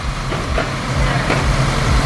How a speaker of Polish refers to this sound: Jak słychać, ciężki sprzęt pracuje tutaj z pełną mocą. Aktualnie cały teren został rozkopany, a wzdłuż nowo powstającego lodowiska zostały usunięte stare, nierówne płyty, które zastąpi nowa nawierzchnia.